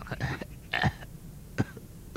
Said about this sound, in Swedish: Då hörs ett krax från pappas rum.